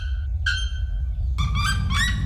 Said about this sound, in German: der Nacktkehl-Glockenvogel. Na gut, die aber jetzt eben ein neuer, ganz lauter Vogel, der lauteste Vogel der Welt. Das müssen wir auch nochmal. Wir müssen das jetzt hier nochmal wirklich gebührend feiern. Entschuldigung, der lauteste Vogel der Welt.